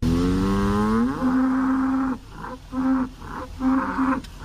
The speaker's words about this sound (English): All right, and here is the third and final cow. Is it expensive or not?